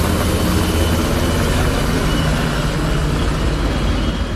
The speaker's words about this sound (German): Am späten Abend starteten im Hafen die Motoren. Über der Stadt kreisten Hubschrauber von Bundeswehr und Polizei. Dann rollte die Kolonne los. Rund 70 Fahrzeuge der Bundeswehr und mittendrin ganz normale Lastwagen von Supermarktketten aus Hamburg.